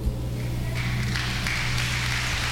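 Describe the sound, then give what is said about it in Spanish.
A church audience breaks into applause for the choir that sang the Sunday morning Mass, a dense wash of clapping that swells after a brief pause and stays steady over a low electrical hum. “Un aplauso al coro.”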